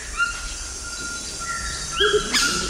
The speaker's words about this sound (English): Oh, now we're hearing the call of a Cuvier's toucan.